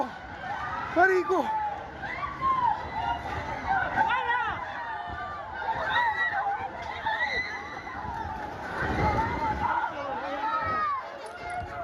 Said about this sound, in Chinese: 强震发生时，加拉加斯郊区房屋瞬间坍塌，烟尘滚滚，居民四散躲避，呼喊尖叫声不断。